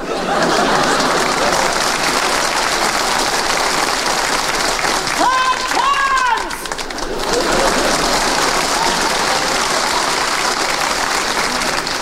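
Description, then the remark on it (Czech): Steady, dense applause from a crowd fills the whole stretch, with a brief rising vocal whoop or cheer cutting through around the middle before the clapping carries on. “Je to fajn, teď už budou tleskat všemu.”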